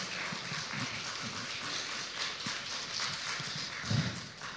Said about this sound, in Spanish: Denle un aplauso poderoso a Jesús, por favor.